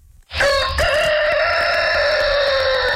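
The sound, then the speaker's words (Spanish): A single loud, strident rooster crow, starting after a brief pause and holding its long drawn-out call to the end without fading. No one speaks. “Pues traemos y recordamos estas grandes entrevistas en El Gallo de Radioactiva.”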